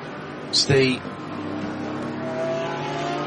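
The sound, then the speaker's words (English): A racing car, the number 924 cup car, roars through at turn 9 at the top of the hill with a sharp burst of engine noise, then a steady, droning engine hum carries on. A voice briefly speaks over the start. “That is the 924, one of the cup cars going through.”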